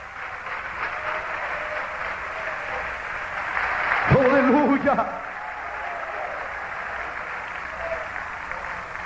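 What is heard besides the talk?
audience clapping hands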